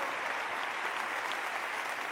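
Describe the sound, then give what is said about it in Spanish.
An audience claps steadily, giving loud applause to the word of the Lord, a dense wash of many hands with no pauses, moderately loud and continuous for the whole stretch, with no voices standing out. “Dale un fuerte aplauso a la palabra del Señor.”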